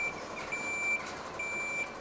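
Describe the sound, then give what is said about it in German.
A fire brigade ladder truck backs up into position at Münster Zoo, its reversing alarm sounding a steady high-pitched beep that repeats in long tones over a low engine rumble, with no one talking. “Die Feuerwehr bringt ihren Leiterwagen in Position.”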